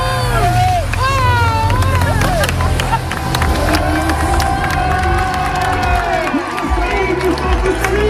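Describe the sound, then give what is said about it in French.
A roadside crowd at the Tour de France cheers and shouts as race cyclists arrive around 3:30 pm in heavy rain, a dense, loud, continuous roar of voices with rising whoops and whistles layered over a steady low rumble. “Ici, il est 15h30 et les coureurs sont sur le point d'arriver.”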